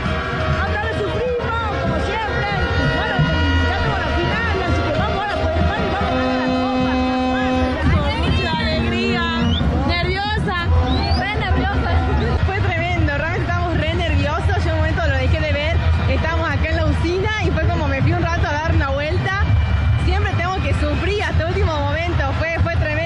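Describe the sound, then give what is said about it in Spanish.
Argentina football fans roar and chant, celebrating goals, in a loud, continuous crowd din, with sustained horn-like tones early on and then many voices swooping up and down in pitch. “¿Se escucha vos con los efectos del grito de los goles?”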